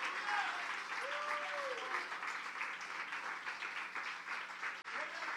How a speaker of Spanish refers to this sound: Oh, denle un aplauso al Señor Jesucristo en esta noche, en el nombre del Señor Jesucristo.